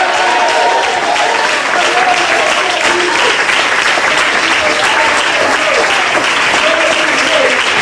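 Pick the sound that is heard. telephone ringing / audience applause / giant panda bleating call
audience applause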